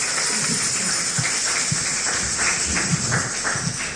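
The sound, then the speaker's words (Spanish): A crowd claps steadily and loudly for Jesus, the "King of Kings", a dense wash of many hands with scattered sharper claps popping through, sustained without a break and with no voices standing out. “Un fuerte aplauso al Rey de Reyes, señores, señores.”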